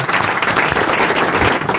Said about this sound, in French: Monsieur Ferrari, sous les applaudissements du public.